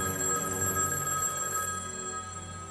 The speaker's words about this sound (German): Warum nehmen Sie denn nicht ab?